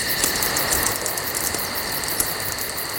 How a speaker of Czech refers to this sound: Praskání ohýnku, do toho klidně, ať ty cikády řvou klidně, hele, to já to mám rád, mě to vůbec nevadí. Jo, to je příjemný tohle.